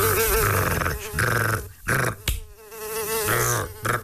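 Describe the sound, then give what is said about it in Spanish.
A fly buzzes loudly in a steady, droning whine whose pitch wavers and swells, broken by a few brief gaps and sharper bursts as it moves about. “Esta mosca, mosca, retruenos.”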